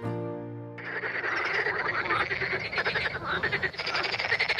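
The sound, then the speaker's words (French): A dense chorus of many frogs croaks continuously, loud, in rapid overlapping pulses, following a brief sustained musical tone at the very start. “Alors, vous avez entendu ces coassements de grenouilles, mais pourquoi est-ce que les grenouilles mangent avec leurs yeux?”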